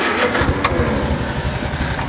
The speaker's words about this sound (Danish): Jeg synes lige, kan vi ikke prøve at starte sådan en traktor?